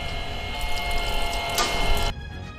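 A dense, steady rush of spraying water simulating a heavy to torrential rainstorm during a military crew's rain-condition firing training roars loud for about two seconds before cutting off abruptly, leaving only a faint low rumble. No one speaks.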